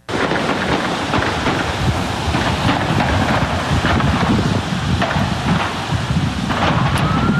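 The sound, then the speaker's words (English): A rapid barrage of gunshots from an exchange of fire with the Secret Service near the White House in Washington, D.C. cracks out over heavy, wind-like roaring noise, and a rising siren wail begins faintly near the end. No one speaks. “Now you can just hear the barrage of gunfire in just a short period of time, followed by the sirens there.”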